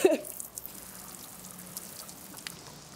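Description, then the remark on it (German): Water pours out of a watering can being emptied over a person on the TV show Straßenstars, in a soft, steady hissing splatter that carries on for several seconds, with a louder burst at the very start and scattered small drips throughout. “Du bekommst wieder 10 Euro, wenn ich diese Gießkanne über dir ausleeren darf.”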